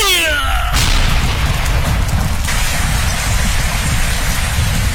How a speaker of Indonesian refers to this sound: Langit tiba-tiba gelap. Hujan turun sangat deras, disertai petir menggelegar.